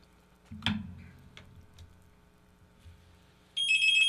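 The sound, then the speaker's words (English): A telephone rings for an incoming listener call to a morning radio call-in show, starting near the end with a loud electronic trill, after a stretch of quiet background noise with a few soft clunks and rustles early on. “Here comes another phone call.”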